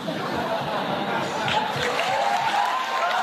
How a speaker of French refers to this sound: On applaudit, bravo.